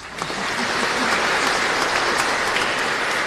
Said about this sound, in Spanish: Aplausos también igual para que escuche de su casa.